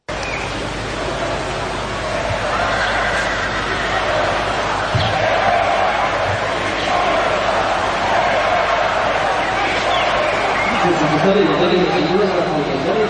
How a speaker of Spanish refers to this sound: El rey presidía ese desfile con la reina y con sus hijas, con vivas al rey, pero también con abucheos, como viene siendo habitual, al presidente del Gobierno.